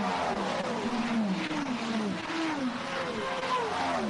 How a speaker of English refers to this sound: Varying noises of the engines going through, absolute quality.